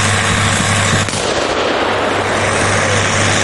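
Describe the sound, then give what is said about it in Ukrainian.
A German-made mine-clearing machine in Ukraine pounds the ground with its impact modules to clear the area, a rapid, relentless stream of thudding impacts over a low, steady engine drone, loud and continuous throughout with no voices; it leaves a strip about 1.8 metres wide behind it. “Ця система ударними модулями б'є по землі та очищає територію навколо.”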